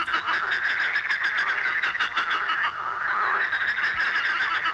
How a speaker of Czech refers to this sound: Jo, my to víme, ale potichoučku odpovíme. 3, 2, 1, žáby. Jasně, super, holky a kluci, skvěle jste je poznali.